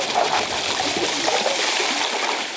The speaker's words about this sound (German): Gecrashtes Eis in kaltes Wasser. Das klingt nach coolem Drink. Bei Hitzschlag rettet es Menschenleben.